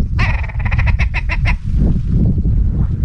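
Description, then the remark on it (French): A red grouse passing in the sky gives a rapid, cackling call of about a dozen quick, nasal notes over little more than a second, over a steady low rumble of wind across open, bare, windswept grouse-hunting country; the wind continues after the call stops. “Fiona regarde la grouse qui passe dans le ciel”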